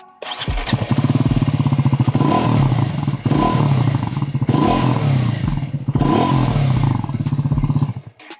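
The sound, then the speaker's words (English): A motorcycle engine revs, its deep, throaty exhaust note rising and falling in several strong surges with a rumbling idle between them. “I believe it is the best sounding exhaust in this segment.”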